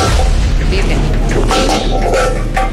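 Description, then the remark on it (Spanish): A motorcycle exhaust used to make gunshot-like noises backfires in a string of sharp, loud bangs like gunshots, irregularly spaced over a constant roaring engine, harsh. “Para que le digan a todos los muchachos que le quieren motos, que no utilicen esos exhaustos para hacer esos sonidos y morados a tiros.”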